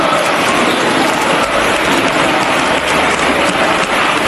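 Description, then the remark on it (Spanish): Sustained applause from a large crowd in parliament, given in answer to shouts for resignation, a dense, steady roar of clapping that holds at a constant loud level throughout without any voices standing out. “Frente a los gritos de dimisión, aplausos.”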